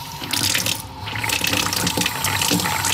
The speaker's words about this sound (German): Wassermarsch heißt jetzt wieder in Wallern, ein Geräusch, das wir im Alltag kaum beachten. Für Rainer Siemader ist dieses Geräusch heuer eine echte Erleichterung.